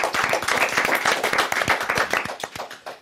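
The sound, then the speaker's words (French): A crowd applauds steadily for the contestants who read out definitions on a quiz show, many hands clapping in a dense, continuous patter of sharp claps that holds at an even loudness throughout, with no voices over it. “on peut déjà applaudir nos décodeurs, notre décodeuse.”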